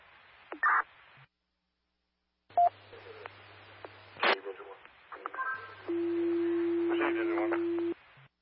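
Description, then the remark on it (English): Telephone dialing tones sound in a few short bursts over a crackly radio-like hum, then a steady electronic line tone holds for about two seconds, with muffled voices faintly underneath, as fire dispatch tries and fails to reach a unit by phone for a status check. “X-48, unable to reach X-83 by radio or phone for a status check.”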